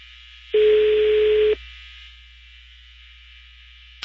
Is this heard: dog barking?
no